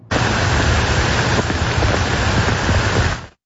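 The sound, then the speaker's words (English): A heavy rain downpour in the Byward Market in the capital, during storms early in the morning in July, roars steadily and loudly for a few seconds, a dense, even hiss with faint patters mixed in, then cuts off abruptly. No voices are heard. “This is a look at the downpour that we saw early this morning in the Byward Market when storms rolled through the capital.”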